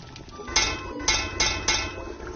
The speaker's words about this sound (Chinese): 您最后敲两下这个锅边是什么意思？ 这个以前是为了不要浪费。 嗯， 现在我们敲的话就是以前妈妈做的时候敲就代表熟了，我们就可以来吃饭 了 是吧？